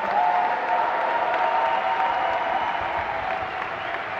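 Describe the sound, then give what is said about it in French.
Sustained audience applause from a sizable crowd, a dense steady patter of many hands clapping at once, holding fairly loud for several seconds and easing only slightly toward the end, applauding the high school student movement. “Et d'ailleurs, je pense qu'on peut applaudir et avoir une pensée très chaleureuse pour le mouvement lycéen.”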